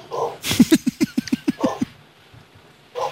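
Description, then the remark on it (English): A quick burst of about eight or nine short, yappy dog barks in rapid, even succession, loud, with brief snippets of a voice just before and after. “The dog has something to say, apparently.”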